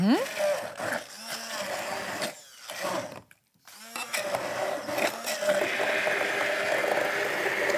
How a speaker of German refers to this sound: So, unsere Erdbeeren geben wir also jetzt in das Glas und geben also jetzt zunächst mal in unseren Mixer hier rein.